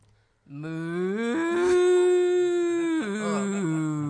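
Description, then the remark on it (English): A person imitates a cow as a hint for the answer beef, with one long, loud moo lasting several seconds: a low, steady voiced tone that steps up in pitch early on, holds, then drops near the end. “That was an excellent cow.”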